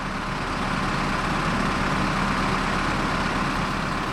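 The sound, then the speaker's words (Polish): A gasoline chainsaw or a wood chipper chipping wood runs outdoors during grounds work, a steady, unbroken mechanical drone with a low rumble and a broad hiss, holding the same loudness throughout with no voices. “czyli a to pilarki spalinowe, a to czasami jakieś grabie słychać, które wygrabią alejki, a to czasami rębak, który zrębkuje drewno, także te odgłosy są nam ostatnio nieobce.”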